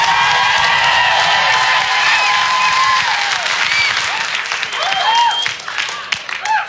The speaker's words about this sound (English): Still using the applause as vote system. How many people like pie more than cake?